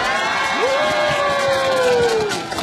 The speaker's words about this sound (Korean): 자 밖에 계신 돌아이분들도 재밌었으면 박수!